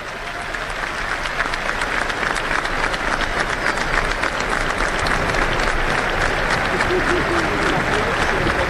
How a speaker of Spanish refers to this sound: Momento muy emotivo, la gente aplaudió en el minuto de silencio en homenaje a este jugador que nos ha dado tantas satisfacciones, enormes satisfacciones a lo largo de las últimas dos décadas y que hoy está sufriendo quizá el peor día de su vida.